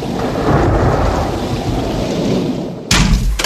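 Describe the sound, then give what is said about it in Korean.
The strong, howling wind of a dust storm roars steadily with a deep rumbling undertone, then a sudden louder blast surges in near the end. No voices are heard. “또다시 바람이 불고 있어!”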